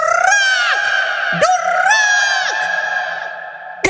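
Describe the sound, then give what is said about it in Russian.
A parrot screams loudly and close by, letting out a string of harsh, drawn-out squawks that rise and fall in pitch, with brief breaks between cries and no one talking. “Еще долго слышно было, как попугай кричал.”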